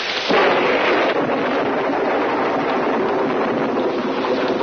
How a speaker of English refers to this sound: Are you afraid of thunder? Oh, no. Just the noise.